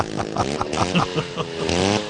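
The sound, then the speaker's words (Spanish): A small two-stroke chainsaw engine revs up and down in quick bursts, its buzzy whine rising and falling like a little moped, loud with no talking. “Parece una Sanelita 50 más que una motosierra, sí.”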